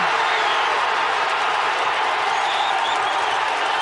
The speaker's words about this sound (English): Second half substitute Kyle Larin smashed the ball into the Bosnian net, and the crowd at the FIFA Fan Festival in Toronto erupted.